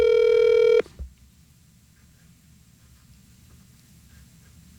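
A loud electronic telephone tone sounds for under a second as a call goes out, then cuts off with a click, leaving a quiet, hissy open line.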